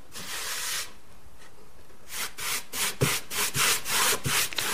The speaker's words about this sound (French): Je viens cirer un de mes échantillons puisque en appliquant la cire, les couleurs changent.